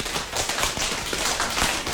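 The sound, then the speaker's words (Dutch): A crowd imitates rain slowly beginning to drip by patting their hands on their legs, making a dense, steady patter of many overlapping soft taps and clicks with no voices. “En nu gaat het langzaam beginnen met druppelen.”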